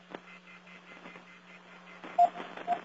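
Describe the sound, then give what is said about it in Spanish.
A muffled telephone line hisses with a low hum, then two short beeps sound near the end as a caller's phone connection to a live radio call-in program is cut off. “Se cortó la comunicación”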